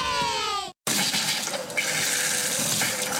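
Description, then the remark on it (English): A brief squealing, sputtering burst from a water tap, a split-second gap, then a steady rush of running water that carries on, fairly loud, with no voices. “When your water stops flowing, A1 Plumbing gets things moving again.”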